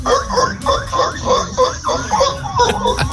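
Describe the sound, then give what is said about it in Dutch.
A person imitates a seal in a recorded app voice message, letting out a quick string of loud, nasal, barking honks in a steady rhythm, with no other talk. “Volgens mij was het een zeehond, toch?”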